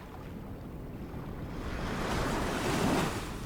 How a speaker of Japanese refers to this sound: 残るのはゆっくり揺れる水と自分の呼吸だけです。